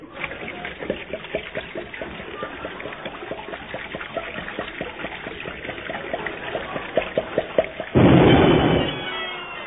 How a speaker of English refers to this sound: Here, here, now, wait. Have a wee drop of Reg Agony whiskey. Aye, aye, aye, aye. Pour it down my throat, lad.